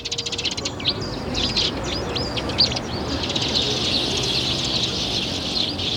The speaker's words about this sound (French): Mais c'est fou ça! On peut jamais boire son café et manger un petit croissant en terrasse sans que tout de suite vous débarquiez, les moineaux!